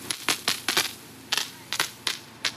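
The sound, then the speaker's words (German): A fire brigade hose knocks again and again as water pressure surges while firefighters try out the nozzles: about ten sharp, dull thuds, some in quick pairs, coming at an irregular pace with short pauses. No one speaks. “Immer wieder hört man ein Pochen.”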